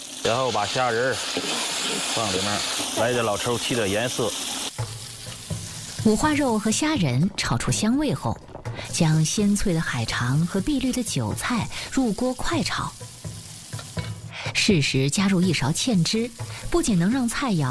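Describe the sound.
Diced fresh pork belly sizzles and crackles steadily in a hot wok while being quickly stir-fried to release its flavor, before shrimp, sea intestine and chives are added; a constant bright frying hiss runs under a person talking throughout.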